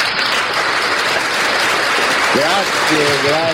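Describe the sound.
A steady wash of audience applause fills the whole stretch, dense and loud, and a voice starts speaking over the clapping in the final second or so.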